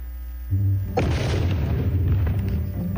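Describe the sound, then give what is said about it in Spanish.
A low hum gives way to a single loud firework boom, followed by a long rumbling, crackling tail that fills the rest of the moment. No voices are heard. “La pirotecnia inunda las calles y los hogares mexicanos durante las fiestas patrias, pero la explosión de un fuego pirotécnico puede acabar en tragedia porque provoca quemaduras, fracturas y hasta amputaciones.”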